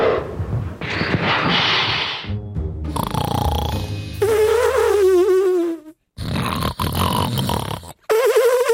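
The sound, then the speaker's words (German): A sloth hisses: loud, harsh breathy bursts at first, then a run of grunting and a wavering, warbling squeal, with more rough hissing toward the end and no talking. “Aber wenn sie wirklich in Not sind, wehren sie sich mit ihren scharfen Krallen und können tatsächlich fauchen.”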